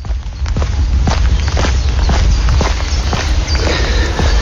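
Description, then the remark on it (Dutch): Steady footsteps crunch along an outdoor polder path at an even walking pace during a walk around the polder, each step distinct, over a constant low rumble of wind or background noise. “Dit zijn mijn voetstappen tijdens mijn rondje polder.”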